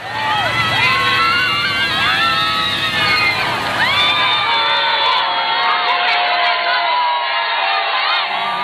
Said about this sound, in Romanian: înainte de revenirea în Barcelona, unde, în drum către Sagrada Familia, Papa a fost întâmpinat cu ovație de mulțimea de oameni dornici să-l vadă.